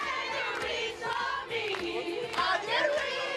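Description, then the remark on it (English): A sold-out concert crowd in Paris cheers in a continuous, dense roar, with many voices shouting and whooping together, loud and sustained throughout with brief swells of excitement. “Sold-out crowd in Paris last night.”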